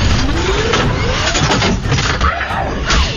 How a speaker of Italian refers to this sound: No, motorino, no! Non mi lasciare!